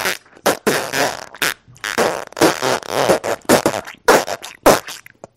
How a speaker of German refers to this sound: Nun hört ihr die Geschichte vom Pupsen.